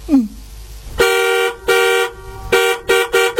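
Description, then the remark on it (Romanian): A car horn honks repeatedly in an uneven rhythm: two longer blasts followed by three short, quick toots, loud, with the engine humming underneath, sounded while the car stands still after the danger has passed. “Stăm pe loc, pericolul a trecut și dumneata claxonezi?”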